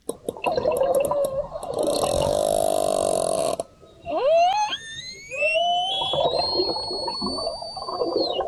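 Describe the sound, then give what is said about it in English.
Orca whale calls recorded underwater in the Strait of Gibraltar: a rough, gurgling burst gives way to several rising, squealing whistles that climb and hold high, over a steady watery rumble. No one speaks. “The sound of orca whales in the Strait of Gibraltar, where Spanish officials have launched an investigation after the matriarch of a pod of whales known for jostling boats off the Iberian Peninsula has been wounded”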